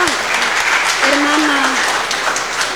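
Loud, dense applause from a crowd fills the whole clip at a steady intensity, with a short vocal cry or cheer rising above the clapping partway through.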